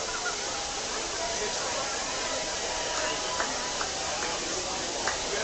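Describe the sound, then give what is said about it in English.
Pouring rain at an outdoor event in Warren makes a steady, dense hiss that stays constant throughout, with faint murmuring voices and a few soft tonal blips barely surfacing beneath the downpour. “What a fun day here in Warren, even in the pouring rain.”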